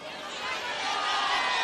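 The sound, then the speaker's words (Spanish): A crowd of thousands at a concert in a bullring, the Plaza de Toros, shouts song requests over one another in a dense, continuous roar of overlapping voices that swells slightly louder and holds steady for under two seconds. “A ver, todo el mundo griten lo que quieren.”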